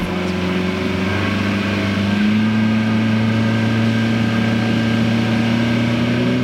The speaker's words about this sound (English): Donald Frazier is driving the boat, and he manages the logistics for these bird counts.